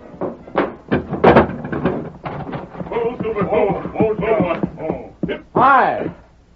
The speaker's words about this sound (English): Here they come, Ma. Hurry, unbar the door.